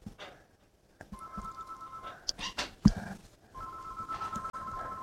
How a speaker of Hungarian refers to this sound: Na, csöng a telefon.